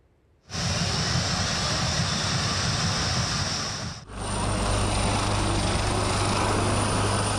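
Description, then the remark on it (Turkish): Loud, continuous roar of aircraft engines sweeps in abruptly, with a brief dip before a second steady engine drone with a low humming tone, as fighter jets and helicopters pass overhead at a youth and aviation festival in İzmir, Turkey. “Savaş uçakları, helikopterler ve milli teknolojiler.”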